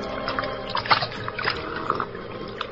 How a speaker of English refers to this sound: Place, a bank of the Salinas River in California. Two men scramble down the bank to the water's edge, and the larger of the two, an ungainly giant of a man, throws himself at full length and greedily drinks from the river.